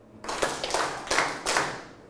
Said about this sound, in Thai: ถ้าพร้อมแล้วปรบมือ1ครั้งปลายทางพร้อมกันนะครับปรบมือ1ครั้ง